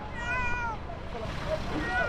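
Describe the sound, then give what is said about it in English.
A small cat, found underneath the rubble of a disaster in Colombia, meows plaintively, with a drawn-out high cry followed by a few shorter mews, over a steady rumble of background noise and indistinct voices. “A small cat has been found underneath the rubble where others were not so lucky.”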